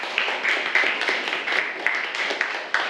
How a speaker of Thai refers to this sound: นี่ก็จะเป็นตัวอย่างของที่กลุ่มแรกได้ออกแบบไว้นะคะซึ่งถูกต้องนะคะปรบมือให้กับกลุ่มแรกของเราค่ะ